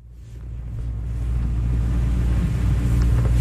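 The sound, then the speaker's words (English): A boat motor drones steadily on the Salish Sea as the boat heads further out to sea to watch whales, a deep, continuous engine rumble with a low hum that grows slightly louder, with no voices. “He shuts off the boat's motor so we can take a listen.”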